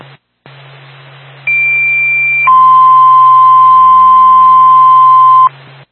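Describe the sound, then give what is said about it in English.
Two-tone fire department dispatch pager alert for the Littleton Fire Department over a hissing radio channel, paging a fire alarm activation at a Dunkin' Donuts on Main Street: a steady higher tone for about a second, then a long lower tone held for roughly three seconds before cutting off sharply. “Premier Tone 819”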